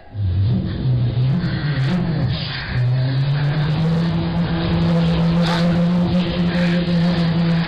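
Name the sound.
car engine driving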